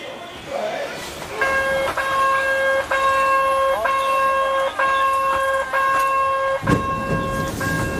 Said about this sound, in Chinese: 火车即将发车。 这个火车特别复古啊，就是像那个以前的那种刚刚有火车时候这种小车厢，咱们也上去看看。